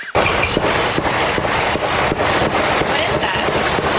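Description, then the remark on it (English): Dozens of rapid, repeated gunshots crackle in the background behind a reporter at her tent during a shooting, through a dense wash of noise, sharp bursts arriving every fraction of a second for several seconds, muffled. “Dozens of gunshots going on behind her.”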